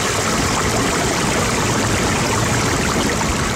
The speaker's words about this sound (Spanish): Durante 8 años ha visto pasar el agua entre las piedras, ha recorrido sus orillas y ha aprendido a reconocer sus cambios.